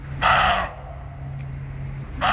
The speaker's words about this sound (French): Celui-là, je l'aurais reconnu, je crois. Ouais, on l'entend souvent. C'est le chevreuil. C'est le chevreuil. Le chevreuil aboie. Le chevreuil aboie. Mmh. On dit ça pour les chevreuils.